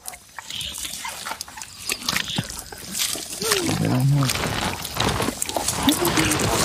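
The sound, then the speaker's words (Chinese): An animal named Tony eats greedily at its first hot meal in two weeks, with steady wet chewing and tearing, crunching noises, and a couple of low grunting growls partway through. The feeding is fairly loud and continuous throughout. “托尼狼吞虎咽地吃着。”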